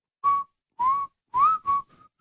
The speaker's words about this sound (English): The last time I was going to do this, I was going to whistle it, but I had my phone too far away so you couldn't hear it.